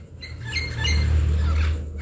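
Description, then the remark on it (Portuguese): A free-living wild parrot squawks nearby in a few harsh, rising calls over a steady low rumble of outdoor background noise, with no one speaking. “Tem um papagaio aqui pertinho. Olha o canto dele, tão lindo.”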